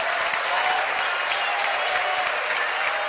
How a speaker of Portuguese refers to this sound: Eu quero ouvir palmas e glórias. Mais forte. Mais forte.